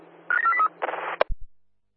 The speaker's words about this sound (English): Can you please call my personal phone in regards to the lost property, over. Dialing, right?